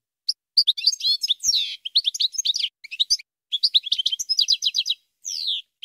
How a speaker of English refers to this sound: Here, let's listen a little bit to a European goldfinch.